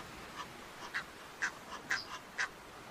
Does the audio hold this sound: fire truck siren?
no